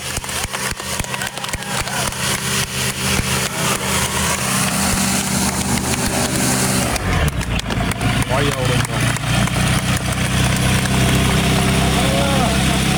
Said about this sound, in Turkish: Ankara Polatlı'dan havalandırdığı hafif uçağıyla 2 saat 45 dakika gökyüzünde süzüldükten sonra köyündeki boş bir tarlaya indi.